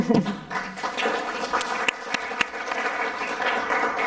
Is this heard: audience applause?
yes